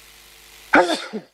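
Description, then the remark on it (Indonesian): A single abrupt sneeze bursts out after a moment of low, steady background hum, sharp at the start and trailing off into a short voiced tail. “Alhamdulillah. Yahdikumullah, subhanakum.”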